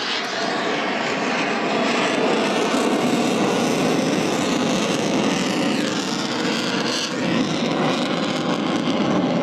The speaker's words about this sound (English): He's using fly-by-wire technology to keep it safe. The nose is 25 degrees higher than the aircraft's direction of travel, known as the angle of attack. The plane slowly making its way. Flares coming off the bottom of the plane as we see.